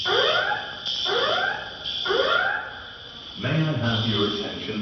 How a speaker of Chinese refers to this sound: 据目击者称，沙特首都利雅得哈利德国王国际机场三号航站楼，当地时间十日下午传出爆炸声，机场内大厅随即响起警报，同时播放紧急撤离广播。